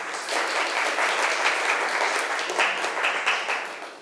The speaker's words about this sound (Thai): คุณครูก็ต้องขอขอบคุณตัวแทนนักเรียนนะคะขอเสียงปรบมือให้เพื่อนอีกครั้งนึงค่ะ